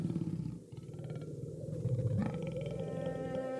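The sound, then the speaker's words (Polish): A large lion with a tawny mane roars in a deep, rumbling growl that rolls on steadily for several seconds, fairly loud, with no voices around it. “Lew odchodzi, ja zostaję.”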